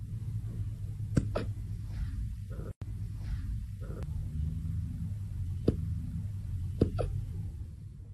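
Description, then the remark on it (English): Small, soft hiccups, about five of them, arrive at irregular intervals, some in quick pairs, over a steady low background rumble. No one speaks. “These might be the most precious little hiccups ever.”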